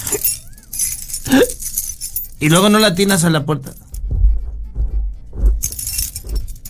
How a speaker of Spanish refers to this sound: Aquí las traigo, aquí las traigo. Vas a oír las llaves ya. Ahí están las llaves.